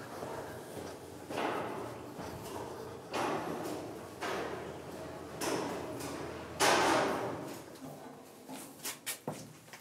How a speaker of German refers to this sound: Das sind mal Türen. Die Türen, die müssen den Druck standhalten, wenn hier unten irgendwo Wasser einbricht. Und darum sind die so stark ausgeprägt.